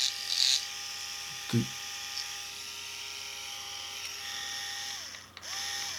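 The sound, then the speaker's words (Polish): An electric shaver runs without its heads, its small motor humming steadily with a buzzy, high-pitched whine, running continuously, with a brief knock or clunk near the start and a slight shift in tone toward the end. “Tak urządzenie pracuje bez głowic.”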